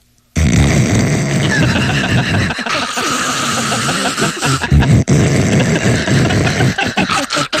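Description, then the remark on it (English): a comedian imitates a noisy coffee maker with his voice, a loud, sustained gurgling, sputtering rasp, broken by brief choppy stutters and snorts over several seconds. “You know, we still can't make a coffee maker that doesn't go...”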